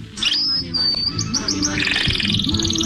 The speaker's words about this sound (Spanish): Entre Ríos está lleno de pájaros. Pero vos te das cuenta. Se acercan, viste, de una manera.